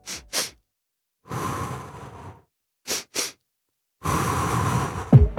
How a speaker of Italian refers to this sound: sentitela, è una doppia inspirazione dal naso, adesso ve la faccio sentire, seguita da una lunga e lenta espirazione. Questa roba qua vi genera una sensazione immediata di calma.